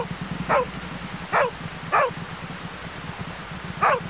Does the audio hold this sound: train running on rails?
no